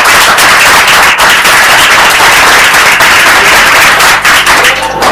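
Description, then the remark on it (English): A loud burst of audience applause for an answer in a quiz, dense rapid clapping from many hands that holds steady for about five seconds before thinning slightly at the end. “Yes, a round of applause for that.”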